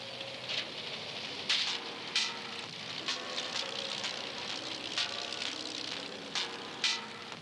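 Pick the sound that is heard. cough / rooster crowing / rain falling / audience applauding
rain falling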